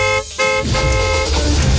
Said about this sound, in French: Dès que ce signal sonore retentira.